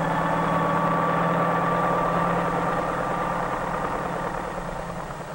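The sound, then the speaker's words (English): A mail-delivery helicopter flies over city traffic, its engine running with a steady, loud mechanical drone and a low pulsing throb, holding constant before easing off slightly at the end. “Flying over city traffic, the helicopter can land directly on the roof of the post office itself in a fraction of the time needed by mail trucks, thus greatly speeding the delivery of mail.”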